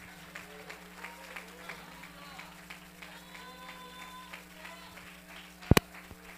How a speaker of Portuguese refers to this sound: Quem pode aplaudir e glorificar o nome de Jesus?